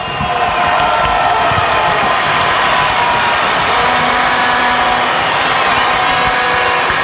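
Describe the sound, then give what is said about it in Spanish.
A huge stadium crowd at Pueblo Nuevo applauds and cheers for Deportivo Táchira during a football match, in a continuous, loud roar that fills the whole recording, with clapping blending into a dense wash of voices and no pauses. “Los aplausos de la afición hacia el Deportivo Táchira.”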